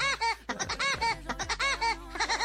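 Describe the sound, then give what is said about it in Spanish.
The Woody Woodpecker (El Pájaro Loco) cartoon laugh bursts out on Nexa 102.1 radio, a loud, rapid run of high, bouncing, warbling syllables repeated in quick bursts, clear with no talking over it. “Mándale un pájaro loco, mándale un pájaro loco.”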